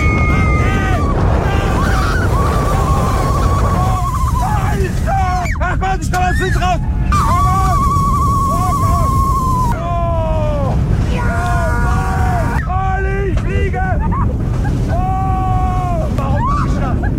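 A fast roller coaster ride: a loud, steady roar of wind and track rumble throughout, with riders' wavering yells and shrieks rising and falling above it.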